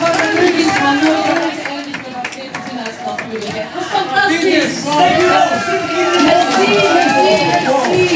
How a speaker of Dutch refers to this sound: En ondertussen applaus voor Bart Peters.